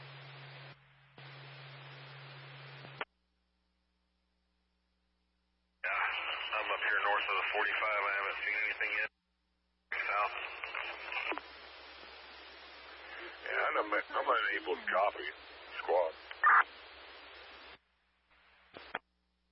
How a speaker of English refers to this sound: They were fine up until a few minutes ago and it was all static.